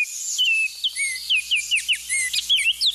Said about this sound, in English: In spring and summer, you may see these orioles in the Midwest and Eastern U.S., lighting up the leafy trees where they nest.